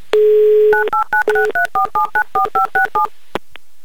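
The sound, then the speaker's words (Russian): A steady dial tone hums for under a second, then a quick series of about eleven evenly spaced, two-pitched keypad beeps sounds as a number is redialed to call back after a failed connection, ending with two faint clicks. “Ну, давайте попробуем перезвонить, а что...”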